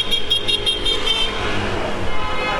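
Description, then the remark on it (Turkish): Several car horns honk in repeated short toots over a steady rumble of street traffic as drivers celebrate Arsenal's championship. The honking is loud, with a busy, festive feel and no talking. “Gördüğünüz gibi araçlar korna çalarak kutlamalarını yapıyor.”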